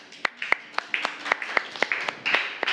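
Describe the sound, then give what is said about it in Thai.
A small group claps their hands for fellow group 2 in a steady, moderately paced burst of sharp, crisp slaps, several per second, with a soft wash of overlapping claps underneath and no talking. “ปรบมือให้เพื่อนกลุ่ม2ค่ะ”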